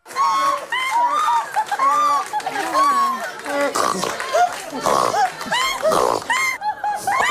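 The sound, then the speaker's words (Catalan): A human voice lets out a string of odd, exaggerated laughs that mimic animal sounds like a whinnying horse and a clucking hen, with snorting, trumpet-like bursts, loud; eccentric laughs gathered on a French television programme titled It's My Choice. “El programa de televisió francesa, És la meva elecció, va reunir en un plató riures estrafolaris, en forma de trompeta, de ronc, de cavall, de gallina, tot el que sentireu està fet per un humà.”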